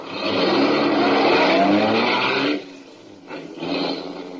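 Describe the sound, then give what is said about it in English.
A car engine roars loudly and steadily for a couple of seconds, then drops away abruptly, followed by a few quieter fading bursts as the car is driven off, out beyond the city limits. “I drove my car out beyond the city limits, put it in a public garage”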